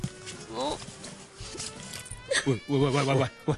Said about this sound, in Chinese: 喂你做咩啊？喂，哎呀，我最怕女人咧喺我面前系咁时时索索噶啦。你咩事啊？ 呢度咧冷气大啊，我鼻敏感啊。